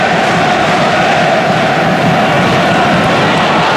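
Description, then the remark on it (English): A large football stadium crowd at a match involving Brighton roars in a steady, loud, dense wash of voices and noise, with no single voice standing out, sustained throughout. “You hear the crowd now, a bit more interested.”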